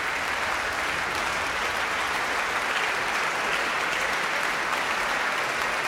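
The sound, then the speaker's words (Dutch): A concert audience at Tivoli Vredenburg applauds steadily and enthusiastically with bravo shouts for the Van Baarle Trio after Beethoven's Triple Concerto in C major, a dense, continuous wash of clapping that holds at an even level for the whole six seconds. “Bravo geroep hier. Voor het prachtige trio.”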